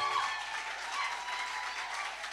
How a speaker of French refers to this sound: Acclamation pour Emmanuel, mesdames, messieurs.